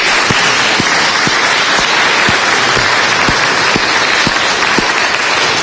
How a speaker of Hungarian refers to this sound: úgyhogy én egy tapsot kérnék neki, hogyha lehet.